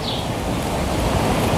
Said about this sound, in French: Mais pour l'instant, départ pour le célèbre village de Collioure. L'air de la Méditerranée, le vent